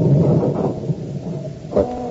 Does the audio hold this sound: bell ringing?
no